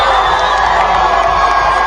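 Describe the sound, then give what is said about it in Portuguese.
A huge stadium crowd roars in celebration of a goal at the night World Cup match between Cabo Verde and Uruguay on 21 June, a dense, loud, sustained wall of cheering and shouting with no pauses, filling the whole moment. “Agora sim, um grito de gol.”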